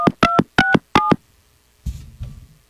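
Four quick touch-tone phone dialing beeps sound in a steady, evenly spaced sequence, loud, as someone places a phone call, followed by a brief low, muffled rumble after a short pause.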